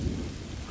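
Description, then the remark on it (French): Steady rain hisses across the whole moment while a deep rumble of thunder rolls low underneath, loud, with no voices present. “Il pleut, merde.”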